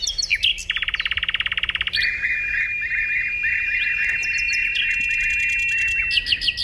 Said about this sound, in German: Der Vogel der Woche, der Sprosser.